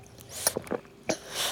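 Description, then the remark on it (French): The baby doudou, a very thirsty baby, sucks and drinks from the bottle Toudou offers it: a few short, wet slurping and squelching bursts, ending in a soft breathy hiss, with no talking. “Toudou propose au bébé doudou de boire son biberon.”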